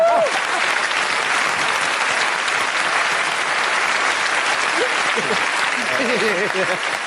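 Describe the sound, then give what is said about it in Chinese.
Steady, dense applause from a large audience at a crosstalk (xiangsheng) performance, welcoming a performer onto the stage, fills the whole stretch at a constant level, with a few voices calling out faintly near the start and toward the end. “所以呢，还得麻烦各位给他鼓鼓掌。”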